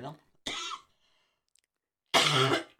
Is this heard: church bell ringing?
no